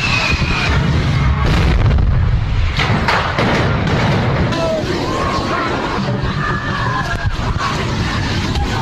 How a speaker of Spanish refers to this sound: varias personas resultaron heridas, seis de ellas de gravedad, luego de la explosión de tanques de gas de puestos callejeros que fueron alcanzados por el fuego durante la quema de pirotecnia en las fiestas patronales de Amatitán, Jalisco.